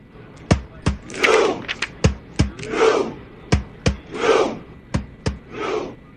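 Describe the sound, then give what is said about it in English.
Thousands of Norwegian soccer fans in red jerseys and horned helmets, sitting on the Red Steps in Times Square, New York City, perform a synchronized Viking row chant before their World Cup match against Senegal: sharp, loud thuds land in steady pairs, each answered by a swelling, unified group shout, repeating about every second and a half. “Clad in red jerseys and horned helmets, the massive crowd packed the famous Red Steps, sitting down in unison to perform their iconic synchronized Viking row chant during the landmark into a giant human rowboat.”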